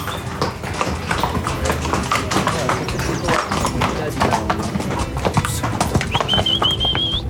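Steady clip-clop of horse hooves at a walking pace as riders go on horseback through a national park beneath tall wax palms; one horse, Šakal, is among the calmer ones. A busy outdoor background and a brief high whistle-like tone near the end.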